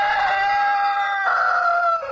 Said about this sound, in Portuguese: Primeiro galo, canta galo.